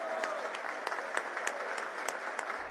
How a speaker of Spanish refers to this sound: Gracias por esa labor, señor registrador. Un aplauso y todo mi respeto para usted.